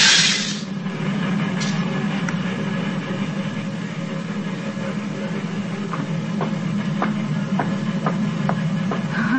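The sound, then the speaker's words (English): A train on the old Nickel Plate line rumbles steadily along the tracks as it crosses the divide, its deep continuous roar joined in the second half by a regular clickety-clack of wheels over rail joints, loud, with no voices. “He's back with his friend Jim Baskin on the old nickel plate line. Listen. It's just crossing the divide.”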